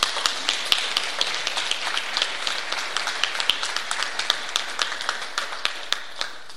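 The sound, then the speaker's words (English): A crowd in the town of Blanco applauds steadily at an event about the Job Seeker Voucher Program, many hands clapping in a dense, continuous patter with a few sharper claps standing out, sustained at an even, moderate level throughout with no voices. “Give yourself a round of applause.”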